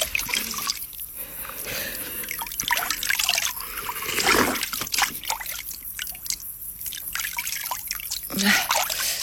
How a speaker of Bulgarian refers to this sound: Чекай се наплискам. Чекай. Чекай да пинем. Студена вода.